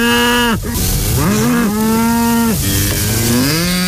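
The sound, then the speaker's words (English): Several cows moo loudly, long drawn-out calls overlapping one after another with rising and falling pitch, filling the whole stretch without pause. “Gotta let them cows out.”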